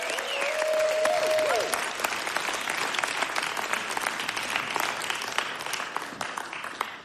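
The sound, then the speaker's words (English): A large audience at Mountain Stage, the live performance radio show from West Virginia, applauds musician Aaron Lee Tazjan: a dense, loud wash of hand claps for about seven seconds, with a brief whistle early on, before the applause gradually thins. “One more round of applause for Aaron Lee Tazjan.”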